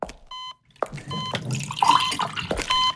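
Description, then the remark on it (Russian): Drinking water is poured into a glass for about a second and a half, a steady splashing trickle, with short electronic beeps sounding just before and after it. No one speaks. “Может, тебе воды принести?”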